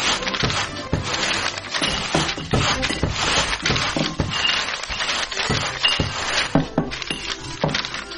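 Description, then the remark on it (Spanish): Glass bottles clink and knock together repeatedly as they're gathered up with papers during a cleanup, a busy, irregular series of bright chinks and rattles, with no talking. “¡Encontré otra botella! ¡Aquí hay más papeles! ¡Junten todo de este lado!”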